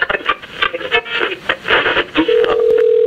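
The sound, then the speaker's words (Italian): A mobile phone call being dialed: crackly, static-filled line noise with uneven bursts, then a steady low-pitched tone that holds to the end. No one speaks. “Dunque, vediamo se riesco a sintonizzarmi sul cellulare della Stefanina.”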